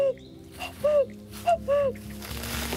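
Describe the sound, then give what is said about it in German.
Someone mimics a cuckoo with their voice, giving several short, hooting two-note calls that dip in pitch, the later ones louder, over a steady watery rushing background. A person imitating a cuckoo's call while hiking on wilderness trails in a national park. “Klingt wirklich echt. Kompliment. Doch wenn man viel Glück hat, hört man hier im Nationalpark auch den echten Kuckuck rufen.”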